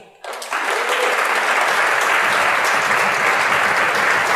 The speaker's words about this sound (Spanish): y le van a tener que dar un aplauso a lo que voy a decir, el único que cada promesa que ha hecho se cumple.